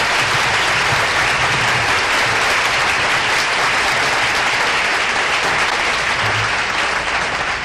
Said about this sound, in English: How about a nice round of applause for the most wonderful organization in the nation, … and his fine orchestra.